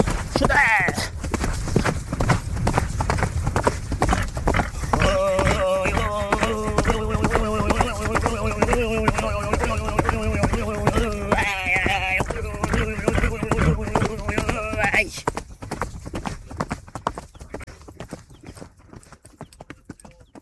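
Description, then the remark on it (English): Steady, galloping horse hoofbeats clip-clop throughout, with a Tuvan man's throaty, droning singing coordinated to the horse's rhythm, whistling overtones rising above it before the voice drops out near the end. “That was an example of how Tuvan singers coordinate their songs with the rhythm of their horses in action.”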